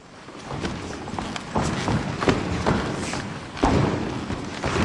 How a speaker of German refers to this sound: Warm-up auf dem knarzenden Holzboden der Aula in Sulzbach. Das Ensemble durchschreitet und durchstampft den Raum und erforscht so Schritt für Schritt die Möglichkeiten, die er auch akustisch bietet.